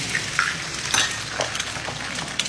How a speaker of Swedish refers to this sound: Och det är också här som man börjar se de här klippen då på Parisbor som steker ägg och pannkakor i fönstersmygen eller på trottoaren.